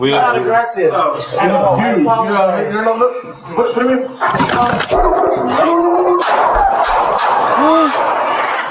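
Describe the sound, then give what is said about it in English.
A golden retriever poodle mix named Jameson barks in short, sharp bursts while several people, including a police officer, talk and shout over it in a tense, noisy outdoor scene recorded on a police body camera. “This police body cam video shows the moment an officer opened fire on a woman's pet. Is the dog put away?”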